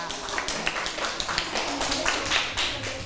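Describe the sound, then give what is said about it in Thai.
A class applauds group 3 together, a dense patter of many hands clapping steadily throughout, fairly loud, with faint voices mixed in underneath. “ปรบมือให้กับกลุ่ม3ด้วยค่ะ”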